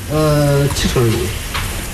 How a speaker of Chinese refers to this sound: 这个小酥肉裹上面粉之后就可以下油锅里面煎了。 对对，要开始炸了。